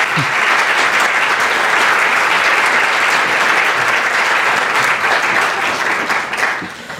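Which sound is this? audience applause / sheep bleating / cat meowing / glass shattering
audience applause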